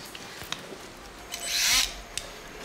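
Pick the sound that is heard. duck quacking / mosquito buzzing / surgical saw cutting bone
surgical saw cutting bone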